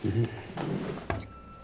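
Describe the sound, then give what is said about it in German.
A drawer holding tissues is pulled open, with a few short wooden knocks and a sliding rumble, ending in a sharper clack, while a voice murmurs faintly underneath. “Taschentücher? Schublade.”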